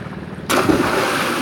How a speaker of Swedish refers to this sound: Det är ett klipp från när du gör bomben. Sommaren 2025. Rätt ner i ekopoolen.